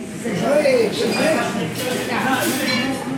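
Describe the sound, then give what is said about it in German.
A busy corner restaurant with tiled floor and wooden tables in the ABC industrial belt around São Paulo, Brazil, with dishes and cutlery clinking steadily over a constant murmur of many voices, with scattered bright chinks and scrapes throughout. “Ein Eckrestaurant im ABC, wie der Industriegürtel rund um Sao Paulo genannt wird.”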